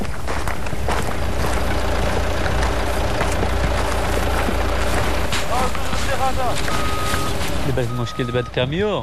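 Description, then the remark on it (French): A truck engine idles with a loud, steady low rumble that runs throughout, and faint voices rise briefly near the end. “Le problème avec ce camion, c'est que nous n'avons pas d'accès routier.”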